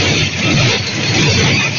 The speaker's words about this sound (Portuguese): Olha o barulho que faz dentro do ônibus.